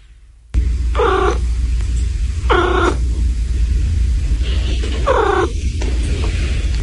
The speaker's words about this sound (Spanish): Lo distinguen además claramente de los maullidos, porque los maullidos están orientados a comunicarse con las personas, con los humanos, mientras que el gorjeo pertenece al repertorio oficial de los felinos. Por favor, volvamos a escuchar el gorjeo.